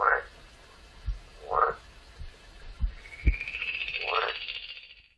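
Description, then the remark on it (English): A frog in a pond croaks three times in short, raspy bursts spaced a second or two apart, mixed with soft low thumps and a rising hiss near the end, with no one talking. “In his pond live a frog and a toad and a newt.”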